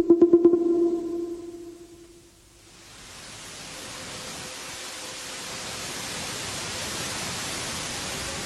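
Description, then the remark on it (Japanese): A brief pulsing tone fades out, then the steady rushing wash of sea waves swells in and continues, fairly loud and even, with no voices. “わあ、海へ来ちゃったよ。あの船が今出るとこだ。”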